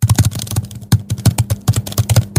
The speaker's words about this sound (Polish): Jak dostajecie misję i po prostu jest tak. Poklikaj tam w klawiaturę.